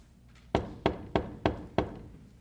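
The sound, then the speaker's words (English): Five firm knocks on a wooden gate by a traveller asking to be let in, in an even, steady rhythm, each a sharp thud that dies away quickly, with only faint background hum and no voices. “A poor burdened sinner from the city of destruction knocks.”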